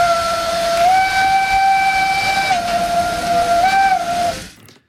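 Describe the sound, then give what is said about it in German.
A steam locomotive of the Dampfbahn Furka in Switzerland blows its whistle in one long, loud, shifting blast, rising and falling in pitch over a steady rush of hissing steam, then cuts off abruptly. No one speaks. “Der Beitrag von Marc Zimmermann über die Freiwilligen bei der Dampfbahn Furka haben wir gehört.”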